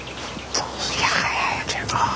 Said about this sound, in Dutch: Zo mooi. Zo ontzettend mooi. Ik vind het echt moderne muziek wat die nachtegaal zingt. Dus het is een soort amelodisch. Soms komt er zo'n hele hoge rare piep tussendoor. Piep.